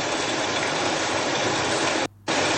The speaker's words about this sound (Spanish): ¿Es el sonido? Estamos hablando de goterones, estamos hablando de lluvia, no llovizna, lluvia. Bueno, esto se registró durante la mañana.